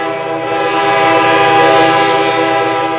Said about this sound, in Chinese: 1998年。火车穿过西江大桥，奔往我心中的学府。